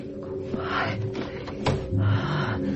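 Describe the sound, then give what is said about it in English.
A door is pulled open with a continuous scraping, rattling creak, a sharp click partway through, and a low mechanical rumble underneath, with no voices. “Step. Open the door.”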